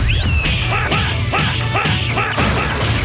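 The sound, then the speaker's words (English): A rapid flurry of video game hand slap attacks, a hundred-hand-slap move made by rapidly mashing high and low punch, sharp thwacking hits repeating in a fast steady rhythm, layered over game music with a rising electronic sweep at the start, loud. “The 100 hand slap.”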